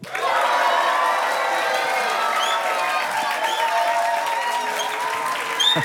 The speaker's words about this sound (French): C'est sympa d'être applaudi comme ça ? Ouais. Ouais, c'est intimidant ? Quoi ? C'est intimidant ? Un peu, ouais. Un petit peu.